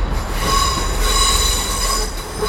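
Train wheels squeal loudly against the rails, a sustained high metallic screech over a heavy low rumble of rolling railcars, continuous throughout.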